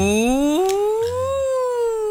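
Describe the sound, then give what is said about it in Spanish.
A single voice imitates an ambulance siren, sliding upward from a low pitch in a sustained, steady wail that climbs and holds high for about two seconds, fairly loud and unaccompanied. “Como una ambulancia.”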